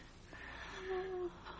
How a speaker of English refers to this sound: She's still breathing.